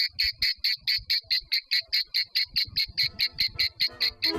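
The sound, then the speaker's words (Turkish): Cicadas buzz in a fast, regular train of bright rasping pulses, about four per second, steady, with no voices present. “Yani Ağustos böcekleri masaldakinin aksine çok çalışsalar bile kışı göremezler.”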